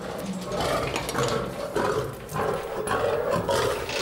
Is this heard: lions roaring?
yes